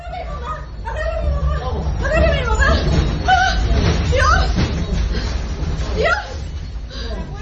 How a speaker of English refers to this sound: This is the moment when the powerful tremors shook the flat of BBC Mundo's correspondent in Caracas